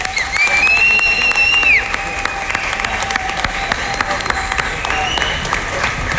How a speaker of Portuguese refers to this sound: Palmas para ele.